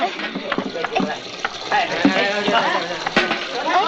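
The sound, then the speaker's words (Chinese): Steady, hissing rush of water pouring from a tap as the water supply comes on, with splashing texture throughout, while several people talk excitedly over it. “哎呀，哎，水来了，水来了！”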